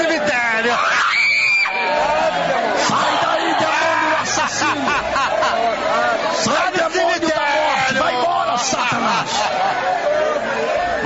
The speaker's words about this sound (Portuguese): Vai expulsando. Vai gritando para Jesus agora, para matar ele. Vai gritando para Jesus agora.